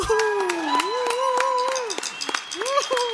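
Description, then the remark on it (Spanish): An audience applauds with scattered, uneven claps to welcome a novelist who will give a recitation, while a sustained, wavering melodic tone like a voice or instrument carries on over the clapping. “para el cual pido un aplauso”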